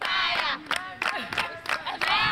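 A crowd of senior schoolgirls in bright green uniforms sings, dances and cheers together in a school courtyard in light rain in Gusau, northwest Nigeria, ahead of the end of school; their high voices are loud and dense, with repeated rhythmic bursts of shouting punctuating the chant-like singing.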